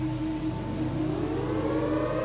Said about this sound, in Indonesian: Nah, coba kamu dengar itu. Itu tanda sirine, sebagai tanda akan terjadi sesuatu.